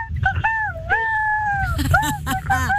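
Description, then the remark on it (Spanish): A child's voice imitates a rooster crow with long, wavering, high-pitched drawn-out notes, followed by a few shorter rising and falling calls over faint background noise. “y este es mi gallo del botón loco.”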